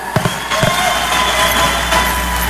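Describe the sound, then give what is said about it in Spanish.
Steady applause from a crowd after a woman's speech at an event, a dense wash of clapping that holds at an even loudness for the whole stretch, with a few sharper individual claps standing out near the start. “Fuertes los aplausos.”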